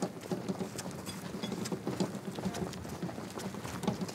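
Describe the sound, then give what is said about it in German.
Steady clip-clop of the hooves of a horse-drawn carriage on a hard surface on the car-free island of Jüst, a quick irregular rhythm of knocks, with light background noise and no talking. “Dass es hier keine Autos gibt, sondern nur Kutschen und Anhänger”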